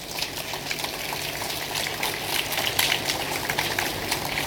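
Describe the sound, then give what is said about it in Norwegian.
An audience in the Faroe Islands claps steadily to welcome the crew of the ship Logos Hope, a dense crackle of many hands at even loudness throughout, with no voices over it. “Ja, lett okkur tjóða með klappa.”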